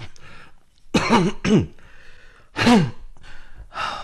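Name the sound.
repeated coughing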